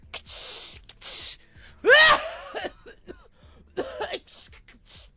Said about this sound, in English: You spray perfume and cough because you use too much.